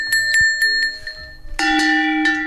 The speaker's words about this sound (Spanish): tenemos unos cencerritos que son reproducciones de los cencerros que llevaría normalmente el ganado